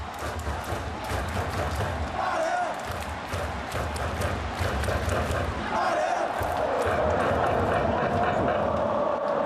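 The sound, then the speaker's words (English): A loud crowd of Dalian football supporters jumps, cheers and chants continuously at a match against Shenyang while Dalian trail 1-0, with a dense roar of many voices, rhythmic thumps and a steady sung chant rising in pitch partway through. “Everyone is still jumping up and cheering and chanting.”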